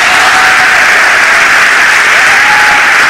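Sustained applause from an audience, a dense, steady wash of many hands clapping at a loud, even level throughout, with no voices standing out.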